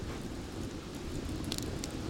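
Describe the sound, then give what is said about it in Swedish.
A morning campfire crackles over a steady low roar, with a few sharp pops snapping through near the end, while boiled coffee is being made. No one speaks. “Lyssna på elden också,”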